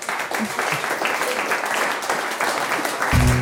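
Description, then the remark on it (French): Steady audience applause for a guest's correct answer on a quiz segment, a dense crackle of many hands clapping at an even level throughout, with a low tonal sound rising briefly at the very end. “On peut l'applaudir.”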